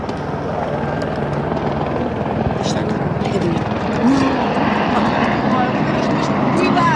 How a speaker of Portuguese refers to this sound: O helicóptero andou até que horas?